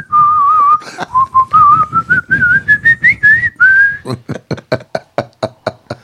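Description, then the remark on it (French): A whistled tune mimicking a blackbird that imitates radio host Lucien Jeunesse picked up from radio waves: a steady, warbling melody that slowly climbs in pitch, then breaks into a quick run of short, sharp chirping notes. No one speaks. “Oui, un merle qui balance Lucien Jeunesse.”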